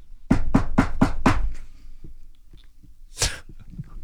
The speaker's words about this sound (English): You just knock on the door.